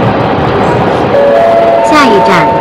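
A train running on the new Chengdu–Kunming railway toward the Shamulada tunnel, with a steady rumble. A sustained horn-like tone enters partway through, then brief squealing, sliding whines near the end.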